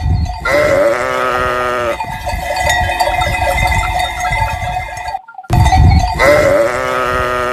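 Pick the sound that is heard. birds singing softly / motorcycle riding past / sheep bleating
sheep bleating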